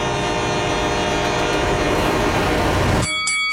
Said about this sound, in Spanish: En una esquina tenemos a un rival de 175 libras y en la otra un tren de peso pesado con 6,000 toneladas.